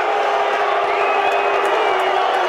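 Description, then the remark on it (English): A loud, sustained roar from a large crowd of fans on their feet, cheering and whooping continuously with no breaks for their offense, a dense wall of voices so loud that Rabe has trouble hearing and takes a timeout. “Well, the crowd was causing that, and Rabe took a timeout right before it ran out.”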